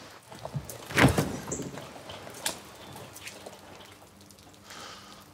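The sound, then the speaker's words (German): A door is opened with a sharp clunk and a brief scrape, followed by faint rustling and a softer knock near the end; no one speaks. “Mach die scheiß Tür auf, da.”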